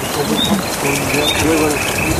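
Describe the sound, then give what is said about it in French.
A dense evening chorus of croaking frogs mixed with high chirps and trills, a steady outdoor wash of calls with no one speaking. “J'aime bien le soir comme ça parce que ça. Ça grenouille, ça croit, ça c'est tout le monde qui démarre la nuitée.”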